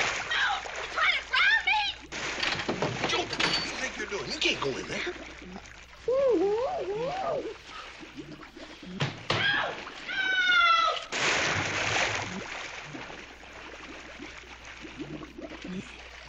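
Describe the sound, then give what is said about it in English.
A loud splash and sloshing of water midway as someone is put into a ranch dip used for animals, set amid a noisy commotion of yelps, cries and animal-like wails that come and go throughout. “You can't make me get in that water.”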